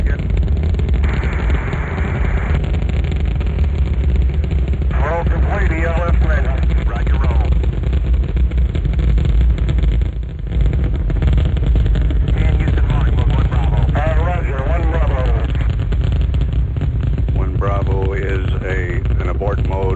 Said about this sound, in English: All engines running. Launch commit. Liftoff. We have liftoff 49 minutes past the hour.